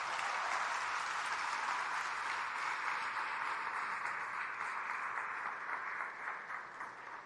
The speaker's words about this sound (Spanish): Les pido que además de orar por ellos, ¿verdad?, les demos un aplauso de gratitud.